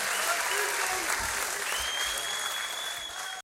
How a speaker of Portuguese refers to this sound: Palmas para vocês mais uma vez.